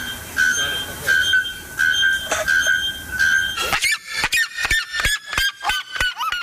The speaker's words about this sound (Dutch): Het gaat om de naaktkeelklokvogel en de kuifsirima uit Brazilië.